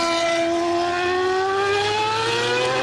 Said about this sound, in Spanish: Estos son los motores que tendrán que escuchar durante horas desde sus casas y balcones los vecinos de Barajas, ruidos que superan los 100 decibelios y que describen como algo inaguantable.